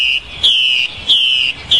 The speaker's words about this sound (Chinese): 这是山林中采录的画眉鸟的求偶声